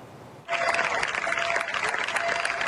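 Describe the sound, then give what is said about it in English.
Residents lining the streets of the southern Spanish town of Niebla on Sunday applaud Spain's military emergency unit crews as they leave after 10 days battling a wildfire; the applause bursts out after a brief quiet moment, dense clapping holding at an even, loud level with a faint tonal whine running underneath. “Residents of the Spanish town of Nebla applauded military emergency crews as they left 10 days battling a wildfire that affected more than 38,000 hectares.”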